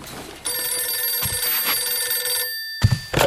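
A telephone bell rings loudly, one sustained ring of about two seconds, then after a brief pause a second, shorter burst of ringing begins, opening a telephone conversation between Stalin and Admiral Isakov after the Great Patriotic War. No one speaks.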